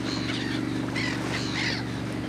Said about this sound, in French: Les mouettes suivent le bateau des pêcheurs parce qu'elles adorent le poisson.